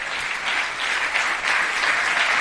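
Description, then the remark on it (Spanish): A church audience applauds for God loudly and steadily, a dense wash of many hands clapping at once with no pauses, bright and sustained for the full stretch. “Si ese aplauso es para él, de lo más fuerte.”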